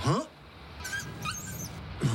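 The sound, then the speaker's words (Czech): A small dog trapped under the tarpaulin of an overturned truck whimpers in a few thin, high-pitched squeaky whines, with short vocal sounds at the start and end of the brief moment. “Ne, ale tady pod plachtou převráceného nákladňáku je přitisknutý můj pejsek. Chudák, malá, nebude mít dost vzduchu.”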